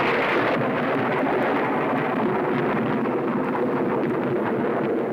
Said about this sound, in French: Ouais, c'est au tonnerre que je pensais, t'as gagné.